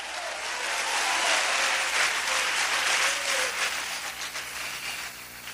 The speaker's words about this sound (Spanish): Un aplauso por la palabra de Dios, aleluya. ¡Oh, gloria!